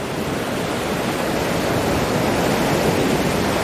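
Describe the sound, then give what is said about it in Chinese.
A steady, full roar of ocean surf washing onto a beach where killer whales use the waves, a dense hissing rush that holds a constant loudness throughout with no distinct single wave crashes and no voices. “虎鲸学徒需要感受海浪的力量，靠海浪推动自己靠近目标，再跟随海水后退，选择合适的时机咬中目标，然后利用下一波海浪转身返回大海。”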